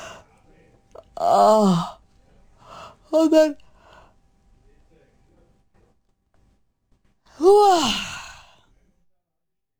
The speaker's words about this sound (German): Und gähnen wir mal anständig, richtig drauf los. Ich weiß nicht, was los ist heute mit mir, aber ich muss pausenlos gähnen. Noch einmal.